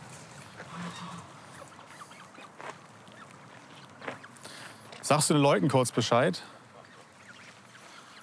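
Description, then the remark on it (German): A burst of loud goose honking from a goose family with young birds, about to be caught for ringing by a bird observatory, several harsh overlapping calls lasting about a second, with quiet speech before it and outdoor background noise throughout. “Diese Gänsefamilie ist ein Volltreffer.”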